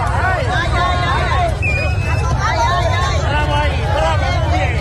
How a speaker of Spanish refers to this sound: Es el momento en que un grupo de manifestantes la emprende a golpes con el coche de la diputada de Ceuta, ya Julia Ferreras.